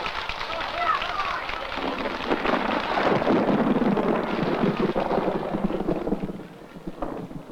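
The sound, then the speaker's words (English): A long, deep rumble of thunder rolls in over a steady hiss like rain, swelling loudest midway before easing off, with faint muffled voices underneath. “It looks like we might have a storm brewing.”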